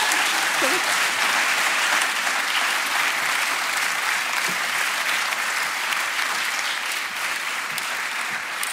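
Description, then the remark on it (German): Steady, dense applause from an audience welcoming a guest back on stage, a continuous wash of many hands clapping at an even loudness for the full stretch without any voices standing out. “Deinen Applaus nochmal.”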